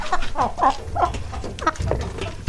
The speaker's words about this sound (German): Und Sie müssen jetzt anhand des Gackerns heraus hören, welches Huhn so stolz gackert, weil es diesen Preis eben bekommen hat. So, hier haben wir Huhn Nummer 1.